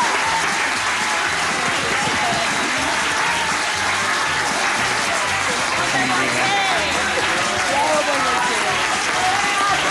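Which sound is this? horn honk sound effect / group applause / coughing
group applause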